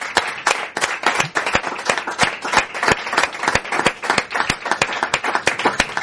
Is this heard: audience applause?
yes